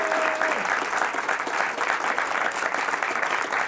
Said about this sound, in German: Mit einem großen Applaus begrüßt unser wunderbares Publikum unsere beiden Finalisten